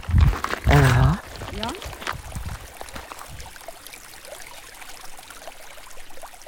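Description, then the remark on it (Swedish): The Lainio River (Lainioälven) flows steadily with a soft, continuous rushing and trickling wash, heard from its shore. A brief voice sounds near the start, then the water carries on alone at a moderate level. “Nu står vi här vid Lainioälvs strand.”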